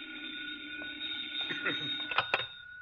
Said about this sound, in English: Oh, the phone.